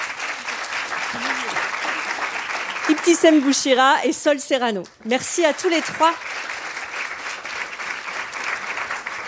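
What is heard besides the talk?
audience applause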